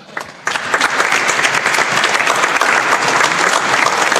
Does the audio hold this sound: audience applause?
yes